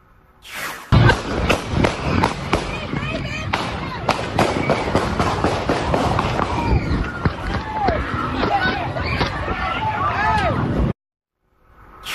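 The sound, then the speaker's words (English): Rapid bursts of sharp, loud gunshots ring out in quick succession over a busy outdoor scene, with crowd noise, shouting voices and people running in every direction, ending abruptly. “We now have video from the scene where you can hear gunshots ring out, causing people to run in every direction.”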